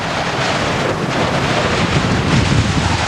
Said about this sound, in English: Here it comes, the full blast of the storm.